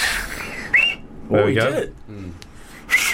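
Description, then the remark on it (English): Breathy, airy blowing from someone trying to whistle through two thumbs, with only a couple of brief, thin whistle chirps breaking through, plus short bursts of voice in between. “Yeah, but it's basically just different combinations of fingers.”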